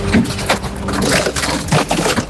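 The compactor of a bulky-waste garbage truck in Bocholt crushes a small city scooter, a loud, continuous grinding with irregular cracking and snapping bursts over a low mechanical hum, with no voices.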